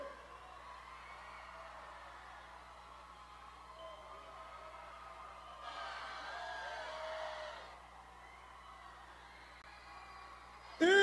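A large concert crowd at FIG screams and cheers loudly at the performers' urging, in a sustained, roaring wash of noise that swells louder midway, with a steady low hum underneath, ending in a sudden loud burst.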